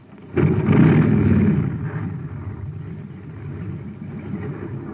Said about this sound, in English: A jet cycle has just pulled into a filling station to get its tank filled. The man has it filled with ordinary fuel. Listen.